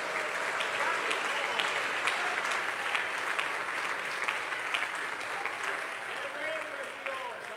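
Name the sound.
audience applauding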